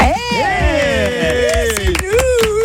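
Studio audience applause during a live weekend talk show on the radio station Ici, a steady patter of claps with some cheering, mixed under a loud, tuneful melodic sound throughout.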